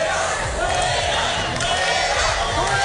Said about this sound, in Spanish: Son los abucheos a la ministra de Seguridad Social y de Inmigraciones, la señora Alma Saiz, que ayer se encontraba en Melilla con motivo del Día de Melilla.